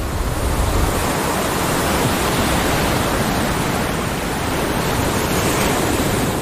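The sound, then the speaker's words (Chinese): A steady, full roar of surf washing onto a beach on a remote coastline of Costa Rica, broad and unbroken for the whole stretch, with no distinct individual wave crashes and no voices. “但这个海滩却是例外。”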